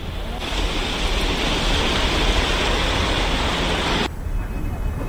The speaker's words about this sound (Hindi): जहां लगातार मूसलाधार बारिश हो रही है